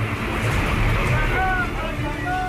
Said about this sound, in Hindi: ये टोडा राइसिंग कस्बे की तस्वीरें हैं, जहां मुख्य बाजार की सड़कों पर बहुत तेज स्पीड से पानी बहता हुआ दिखा।